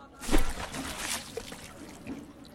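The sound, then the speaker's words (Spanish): A metal trumpet is thrown into the Guadalquivir river with a sharp splash, followed by a couple of seconds of softer trickling and sloshing as the water settles. “Lo suspendió sobre las aguas del Guadalquivir y como ofrenda por todo lo recibido de aquel caudal de cante, pasión y cultura, lo arrojó al río.”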